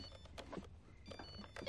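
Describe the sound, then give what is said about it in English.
A phone buzzes on vibrate, giving short, faint, motor-like pulses of rattling hum with thin high tones over them, and no one speaks. “Whose phone is that?”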